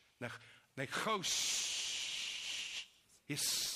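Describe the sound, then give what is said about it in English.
A voice imitates a snake's hiss, a long steady breathy hiss lasting over a second, set between short bursts of speech. “That's why some believe that it was, that's the name, because it hissed like.”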